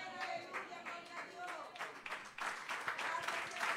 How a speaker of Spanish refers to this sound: Gloria a Dios. Dele palmas de alabanza, amados hermanos.